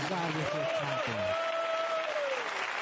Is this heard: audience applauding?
yes